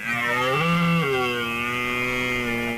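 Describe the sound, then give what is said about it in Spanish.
A red deer stag's rutting bellow, as heard in Salburúa and Gorbea Natural Park in Álava: one long, loud, deep groaning roar with rich harmonics, rising briefly in pitch early on, then holding a steady, rasping tone for nearly three seconds. “Álava cuenta con una población estable de unos 550 ejemplares de ciervos, la mayoría de los cuales se concentran en el Parque del Gorbea.”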